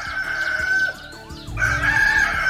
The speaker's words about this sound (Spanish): A ver, levántese, que ya cantó el gallo, pues.